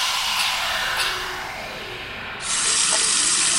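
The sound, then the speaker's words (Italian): Drinking water runs steadily from a tap with a broad, continuous hiss that briefly softens and then surges louder again near the end, with no one speaking. “Ma l'acqua potabile è un bene prezioso e insostituibile.”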